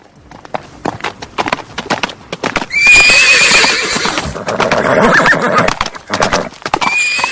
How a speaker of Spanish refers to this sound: De pronto escucha el trote de los caballos y se retira de la vía principal con rapidez.